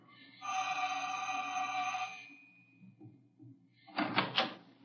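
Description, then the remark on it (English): The janitor's door of a building creaks open with a long, steady, high-pitched hinge squeal lasting about two seconds, then after a quiet pause comes a short, loud burst of rattling knocks. “Here's the janitor's door.”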